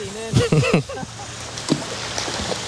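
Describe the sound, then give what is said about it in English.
A steady, constant wash of flowing river water at a swimming hole called Nudie Point, with a person speaking briefly near the start over it. “I can hear the river.”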